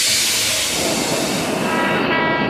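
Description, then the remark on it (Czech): Metro train doors shut and the train pulls away in a loud, steady rush of hissing, rumbling noise that holds evenly throughout, with no voices. “Ukončete výstup a nástup. Had se zavírá.”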